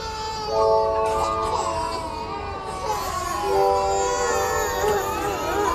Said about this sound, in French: Et les bébés pleuraient tous dans la pouponnière.